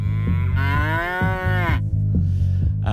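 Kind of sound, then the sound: animal, cow mooing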